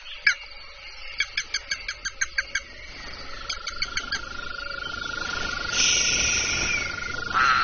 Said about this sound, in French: Regarde, les crapauds sortent de leur cachette pour aller se rafraîchir dans l'eau. Écoute, tu les entends?